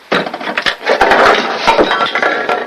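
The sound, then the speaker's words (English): A loud, jumbled cascade of clinks and clatters as small glass and plastic bottles spill out of an opened medicine cabinet, tumbling and knocking against each other and a hard surface, with several sharp impacts over a few seconds. “His toothbrush dangles in his mouth as he screws the cap on the toothpaste, then opens up the medicine cabinet. Stuff spills out.”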